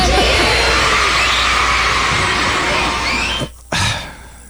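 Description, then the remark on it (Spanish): A crowd of happy children shout "six, seven" and cheer excitedly, a loud, continuous wash of high-pitched voices that cuts out abruptly near the end, then resumes briefly. “Six, seven, gritan los niños felices.”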